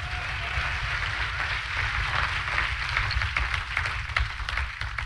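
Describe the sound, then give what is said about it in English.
A large group claps hands together in a dense, continuous wash of applause that holds steady for several seconds, with a low hum running underneath and no talking. “Clap your hands again while I get a drink of water.”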